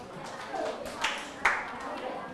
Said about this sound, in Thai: ลูกปรบมือให้เพื่อน